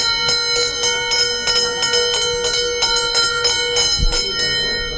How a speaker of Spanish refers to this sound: Hoy arrancamos con este sonido, con el de la campana de la vida.